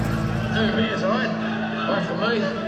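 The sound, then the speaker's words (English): A big old vintage truck, completely restored and running again, idles with a steady, throaty engine, its deep rumble continuous throughout, with indistinct voices mixed in over the motor. “I'm so glad to get it back and get it completely restored and running again, and it sounds like the beautiful beast it's always been.”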